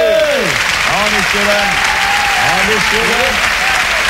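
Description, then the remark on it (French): Steady, dense clapping from an audience fills the whole stretch at a constant loud level, with raised voices calling out over it in rising and falling tones. “Pas d'applaudissements bourgeois, messieurs dames.”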